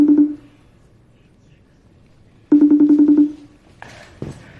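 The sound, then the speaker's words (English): A telephone ringback tone purrs through the line: the tail of one ring, a pause of silence, then a second trilling ring, followed by a brief faint voice as someone picks up. “Okay, so we're going to get her on the phone.”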